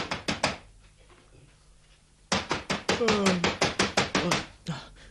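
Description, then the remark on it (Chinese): Late on a snowy night, someone raps on a doctor's door in a quick burst of four knocks, pauses, then pounds urgently in a long, rapid run of loud, sharp knocks, with a brief voice slipping in partway through. “咁夜咯，边个呢？ 嚟啦，边个啊？ 开门啦，大夫，开门啦！”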